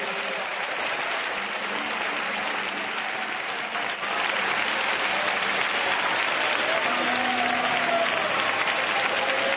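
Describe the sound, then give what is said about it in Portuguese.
An audience at a church service claps hands steadily and loudly for about ten seconds to praise the Lord, a dense wash of applause with faint voices and a few sustained tones underneath. “Vamos, pode bater palmas e louvar o nome do Senhor.”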